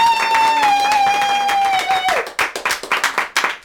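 A steady, bright high-pitched tone holds for about two seconds and slides downward, then a burst of lively, uneven clapping and applause follows, loud and crisp until the end.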